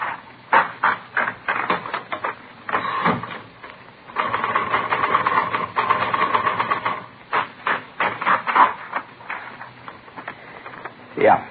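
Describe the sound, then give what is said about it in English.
Steady clatter of a manual typewriter being tested in a police forgery division to compare its type against a forged letter, keys struck in quick bursts with short pauses and a dense, continuous run of typing partway through. “No, this isn't the typewriter we're looking for.”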